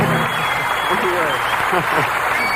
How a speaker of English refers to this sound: Well, we appreciate that applause.